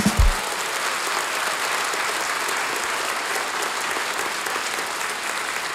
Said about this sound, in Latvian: Bērnu vokālais ansamblis Dzeguzīte svin savu 55. jubileju. Aplausi, jā.